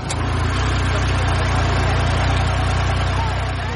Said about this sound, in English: I'm in the passenger seat of a UTV. Now, if you aren't familiar, imagine if an off-road pickup truck and a golf cart had a baby. That is a UTV.